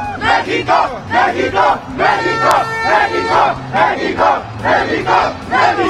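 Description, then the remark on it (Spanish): A large crowd of Mexico football fans at the FanFest cheers and chants "México" in the rain, in loud rhythmic bursts, voices rising and falling together in a steady pulsing pattern with a low drum-like beat underneath. “Es así el ambiente que se vive aquí en el FanFest. A pesar de la lluvia.”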